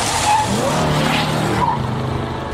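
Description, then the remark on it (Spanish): A car skids in a car accident with loud, sustained tire squeal over a rumbling engine, intense for a couple of seconds before easing slightly at the end. “En un mundo ideal, podríamos avisarte antes de un accidente de auto.”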